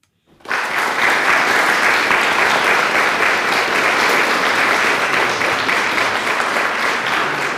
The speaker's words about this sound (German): Mit Applaus begann es. Das erste Jugendgremium Weimars. Am Samstag, dem 29. August, kamen etwa 50 Jugendliche im Mon Ami zum Auftakt der Versammlung zusammen.